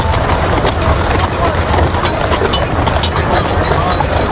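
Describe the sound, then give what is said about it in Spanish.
Hooves of two horses pulling a carriage carrying Antoni Gaudí's coffin clop steadily along a hard street in crowded central Barcelona during his funeral, over a dense wash of crowd noise and murmuring voices from thousands of onlookers. “Un carro, tirado por dos caballos, transporta el féretro al que todo el mundo mira.”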